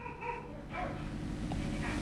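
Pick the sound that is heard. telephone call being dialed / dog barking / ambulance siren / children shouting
dog barking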